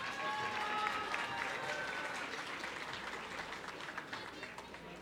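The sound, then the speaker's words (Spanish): An audience applauds steadily throughout, a dense, sustained wash of many hands clapping at fairly even loudness, with faint voices mixed in beneath the clapping, applauding a man receiving his prize at a prize-giving. “Un aplauso para él, el aplauso, el aplauso.”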